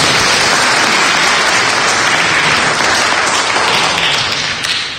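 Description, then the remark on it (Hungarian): An audience applauds the mayor steadily and loudly for about five seconds, a dense wash of many hands clapping that stays even before easing slightly at the end, with no talking. “Ezt is köszönjük, polgármester úr. Tapsot érdemben.”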